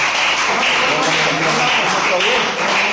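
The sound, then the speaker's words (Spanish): Steady, loud applause from a group for a man's birthday, a dense wash of many hands clapping that holds for the whole stretch, with some voices mixed in underneath. “Dios te lo bendiga, un aplauso.”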